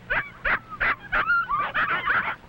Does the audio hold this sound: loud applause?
no